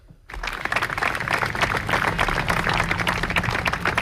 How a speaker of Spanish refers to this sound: Son los aplausos que hemos escuchado este mediodía en los ayuntamientos de las principales ciudades españolas para romper el minuto de silencio en solidaridad con Venezuela.